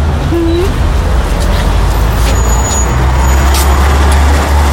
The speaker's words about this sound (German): Oh, gucken Sie mal. Das ist ja ein Bus der Linie 17. Da können wir ja zusammenfahren.